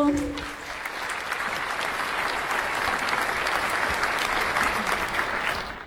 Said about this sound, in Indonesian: Oke, semangat setiap regu. Semangat. Bapak Ibu berikan dulu tepuk yang meriah untuk setiap regu.